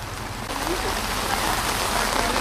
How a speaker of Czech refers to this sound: Akorát, že zrovna prší.